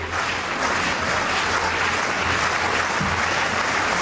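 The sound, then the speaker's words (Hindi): A big crowd of supporters at a long jump event claps together at the signal of long jumper Sreeshankar of Kerala before his jump, a dense, steady wash of hand claps that holds the same loudness throughout, with no voices standing out above it. “अपनी दौड़ से पहले अपने खास अंदाज में खुद में जोश भरने के लिए उन्होंने समर्थकों को इशारा किया ताली बजाने का और कूद की शुरुआत की।”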